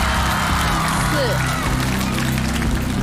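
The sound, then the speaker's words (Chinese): A live crowd claps and cheers in a steady, dense roar for a somersault record attempt aiming to beat 58, staying loud throughout, with excited voices blended into the continuous wash of noise. “现场的朋友们啊，继续掌声、欢呼声、呐喊声，在你们的见证下，新的记录能否产生就靠你们了。”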